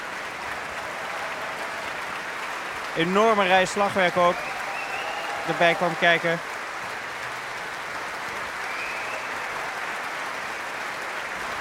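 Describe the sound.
A large concert audience applauds the orchestra's wind players, each group given separate applause, starting with the saxophonist standing up in a Rachmaninoff work, a dense, even wash of clapping that fills the whole stretch, while a man speaks briefly over it twice.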